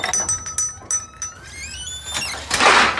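A kitchen drawer slides with metal utensils clinking and rattling inside, a brief squeak as it moves, then a louder scraping rush at the end. No talking.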